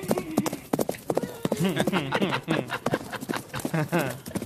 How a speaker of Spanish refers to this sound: Miren esa bestia. Ay, miren esa bestia. Suenan los caballos.